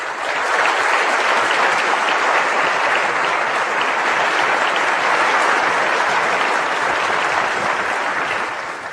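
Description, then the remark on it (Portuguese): Sustained audience applause for all the people just mentioned, a dense steady wash of many hands clapping at an even, fairly loud level for about nine seconds, easing slightly at the very end. No one speaks. “Então, feito todas essas menções, por favor, vamos condensar em um aplauso a todos esses atores.”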